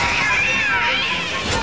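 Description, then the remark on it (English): A cat lets out a loud, drawn-out meow that wavers in pitch, continuous for nearly two seconds, with no one talking. “A cat?”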